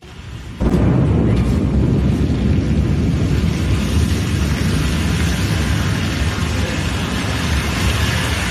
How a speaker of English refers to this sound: A Blue Origin rocket has exploded in a fireball during a late-night US launch pad test, shaking nearby homes. Here's the moment recorded by a nearby witness.